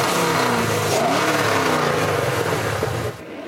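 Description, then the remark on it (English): A loud muscle car engine revs hard, its deep rumbling pitch climbing and wavering for about three seconds before cutting off abruptly, with no voices over it, at the Muscle Car Cruisers of Alberta annual toy drive for the Alberta Children's Hospital at the Calgary Shriners Centre. “A group of car enthusiasts getting revved up to help the Alberta Children's Hospital.”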